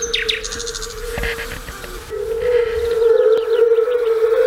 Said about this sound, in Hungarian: Eddig hallottunk bogarak és rovarok énekét, madárdart, és legutóbb pedig a vöröshasú unka dalát, amiről ugyancsak Bartók Péter mondja el, hogy ez a szőlőspusztai Bartókék húgánál töltött nyaraknak az emléke lehet, amikor tele volt vízzel